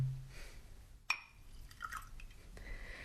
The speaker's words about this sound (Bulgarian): Чашата е празна, сипете ми вино.